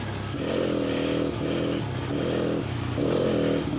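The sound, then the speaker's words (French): A motorcycle riding its first lap on ice, its engine rising and falling in three loud revving surges over a steady gritty hiss, with no voices. “Normalement, la moto elle bouge de partout.”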